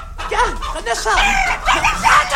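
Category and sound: bird, hens clucking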